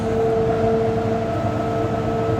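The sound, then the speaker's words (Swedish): Steady, loud industrial machinery roar with a constant low rumble and several sustained tonal hums layered on top, unchanging throughout, from a hydropower turbine hall where oil flows in to regulate the turbine, which sits down at the water surface. No voices. “Det här går oljan in och reglerar turbinen som då sitter nere i vattenytan.”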